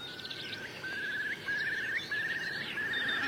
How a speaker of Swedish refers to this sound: Och jag har ett tranor, vi har ett enkelbeckasine. Ska lyssna lite. Där var enkelbeckasinen.